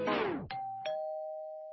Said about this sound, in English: At the very end, it cuts off with this doorbell.